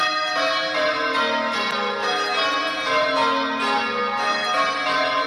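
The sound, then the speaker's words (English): Church tower bells, rung by bell ringers at the Bathurst Bell Tower, ring out continuously in a dense, overlapping peal, bright metallic tones layering over one another at a steady loud level with no voices. “went along to speak with the bell ringers and see, well, and hear them in action.”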